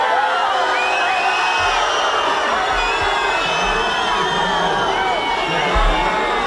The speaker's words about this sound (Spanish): fue recibida con abucheos y gritos de fuera, mientras por megafonía se rogaba colaboración para que pudiera desarrollarse con normalidad el acto.